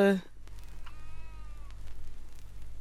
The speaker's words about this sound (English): This is the puffin, actually. This is the puffin, and on the cover of that record of Birdsong Adventure that we're listening to, recorded and compiled by Patrick Seller and Victor C. Lewis, there are pictures of puffins on the cover